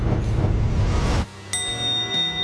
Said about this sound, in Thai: ได้ยินเสียงระฆังตอนนี้เราเริ่มปฏิบัติภารกิจแล้วครับ